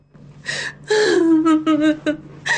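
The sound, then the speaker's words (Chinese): A woman cries out in several halting, sobbing bursts, her voice wavering and sliding in pitch between catches of breath, fairly loud, with a mournful quality mixed with some joy; the crying comes from outside as a mother rushes in through the gateway. “正说着，外面就传来了一阵哀切又掺着几分喜悦的哭声。”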